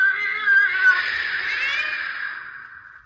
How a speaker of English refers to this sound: It was empty. Only the sound of that cat yowling in the back room.